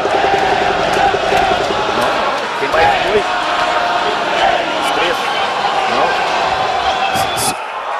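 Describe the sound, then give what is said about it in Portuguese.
A big stadium crowd of Brazil fans cheers in a loud, steady roar as Neymar Júnior is called up to the Brazilian national team, holding for about eight seconds, with scattered shouts and sharp claps rising out of the din. “A torcida vibra.”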